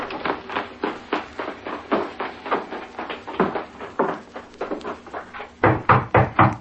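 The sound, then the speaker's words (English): Steady, repeated knocking on a wooden door, a long series of hollow raps that grows louder and more insistent in a final burst of heavy pounding. “Who's there? Open the door”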